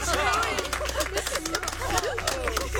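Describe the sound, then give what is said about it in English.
A crowd at a gathering cheers, many voices rising together in a steady, excited clamor, shouts and calls overlapping at a fairly loud level for about three seconds. “A great cheer went up from the gathering.”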